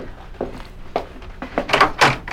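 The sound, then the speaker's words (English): A door being opened to admit Count Dracula, an evening caller: a handful of wooden clunks and latch rattles, spaced irregularly and growing louder toward the end, with no voices. “You may answer the door now,”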